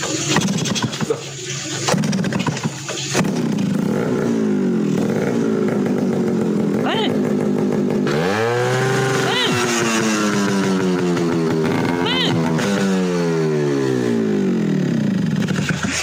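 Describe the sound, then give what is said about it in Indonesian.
A motorcycle with a loud, raspy aftermarket exhaust (a "knalpot brong") revs hard, its engine note surging up in repeated blips and dropping back to a rough idle, continuous for the whole clip. “Penguki marai kaget aku lele niki lho Mbah nembe jajak knalpot brong.”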